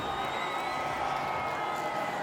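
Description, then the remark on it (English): An audience at a competition show applauds for contestant King Kruger before the judges vote on who goes to the final. The clapping is a steady, dense wash that stays at an even loudness for a couple of seconds, with a faint hint of crowd voices mixed in. “One more time, round of applause for King Kruger.”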